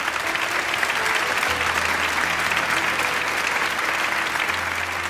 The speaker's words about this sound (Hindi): जोरदार तालियों की ये दरख्वास्त है।